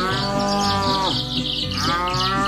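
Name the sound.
cow mooing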